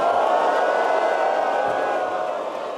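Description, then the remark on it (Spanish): A large crowd boos Trump and Milei in a loud, sustained wall of voices, a dense mass of jeering that holds steady for a few seconds before easing slightly at the end. “¡Un abucheo para Trump y para Milei!”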